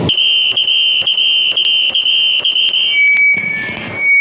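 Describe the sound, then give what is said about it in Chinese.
A steady, piercing high-pitched squeal simulating tinnitus, with regular faint clicks pulsing beneath it about twice a second, then shifting to a single thinner tone with some hiss near the end. “哦，这个有点像啸叫，这个我受不了，这个我得举手。”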